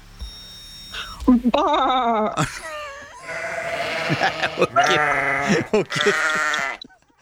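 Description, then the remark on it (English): A person imitates a sheep, letting out several loud, wavering bleats one after another, with short breaks between them. “Oh, I can see you at the Butlins Weekender doing the sheep noises, pie in your hand, living the dream.”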